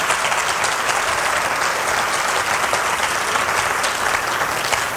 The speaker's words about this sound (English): Well, go ahead and clap. Don't act like you're not happy.